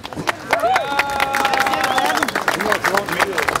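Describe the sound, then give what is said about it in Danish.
A crowd in Ribe bursts into loud, sustained applause celebrating a new Danish record measured at 114 metres, dense clapping filling the scene, with whoops and cheering voices rising over it throughout. “Der bliver klappet.”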